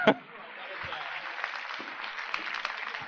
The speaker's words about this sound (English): Give him a big round of applause, ladies and gentlemen.